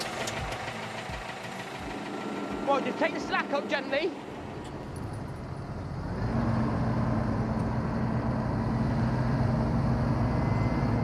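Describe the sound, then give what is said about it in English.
Heavy tractor engines rumble and knock steadily, growing louder and denser partway through as they rev up under load while one tractor tows a stuck tractor out and is itself pulled by another tractor, with a man's voice giving brief instructions over the noise. “Caleb would pull me out with his tractor while he was being pulled by his brother in his tractor.”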